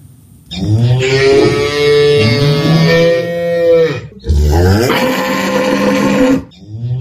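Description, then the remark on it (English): Cattle moo twice, loud, amid a foot-and-mouth disease outbreak: a long drawn-out bellow of several seconds, then after a brief pause a second full-throated moo that rises and trails off. “The sound of mooing cattle filled the air, followed by voices of frustrated farmers whose livelihoods continue to hang in the balance amid the foot and mouth disease outbreak.”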